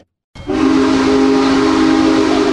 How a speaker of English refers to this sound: WPSU's Sydney Roach went to watch the locomotive passing through the Railroaders Memorial Museum last night, and she talked to the crowd gathered there.